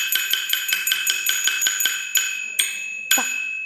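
A small copper bowl, the core percussion instrument of Chinese Wanwan Qiang opera, is struck in a quick, steady run of bright, ringing taps, then three slower, heavier strikes whose clear metallic tone lingers between hits.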